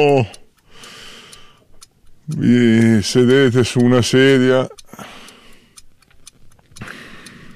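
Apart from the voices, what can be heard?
large clock ticking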